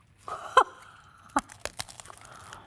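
Crisp crunching as someone chews toasted bread with burrata cream, a few sharp bites followed by softer irregular crunches, fairly quiet with no talking.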